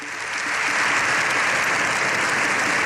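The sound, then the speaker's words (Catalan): Sustained, dense standing ovation from a large crowd in the Congress of Deputies for Pope Leo XIV at the end of his speech, lasting up to seven minutes; a steady loud wash of many hands clapping that swells in over the first moment and holds without pause, no voices standing out. “Així, Lleó XIV ha rebut una ovació de fins a 7 minuts al final de la seva intervenció, que ha girat entorn de la condemna de l'avortament i també l'eutanàsia.”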